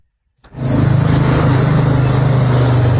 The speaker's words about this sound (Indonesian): Di setiap sudut jalanan Kota Kendari, deru mesin dan laju roda seolah tak pernah berhenti.